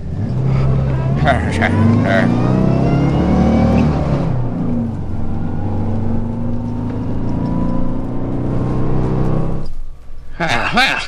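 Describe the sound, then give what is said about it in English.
A truck engine drives along a highway with a loud rumble, its pitch rising and falling as it revs, then drops away near the end before a sudden burst of noise. “The truck hasn't stopped yet. Somebody stop that truck.”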